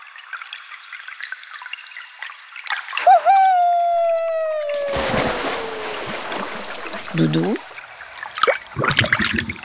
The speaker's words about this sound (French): tu as plongé dans le ruisseau? Mais l'eau doit être glacée